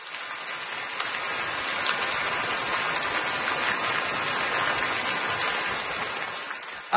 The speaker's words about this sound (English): I know what the sound is, or what it's supposed to be. So, but it does sound like I'm in the shower right now. If you have one of those fancy rain shower.